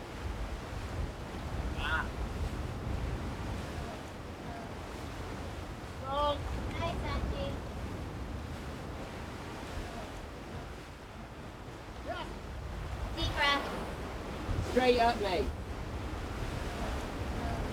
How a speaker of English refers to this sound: When you're on the wall with the sea crashing below you, it sounds like it's breathing.